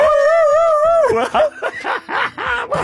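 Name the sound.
dog yelping and howling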